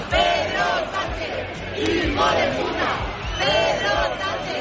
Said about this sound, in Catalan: Un 2 d'octubre que va ser crispat a Madrid amb aquests crits contra Pedro Sánchez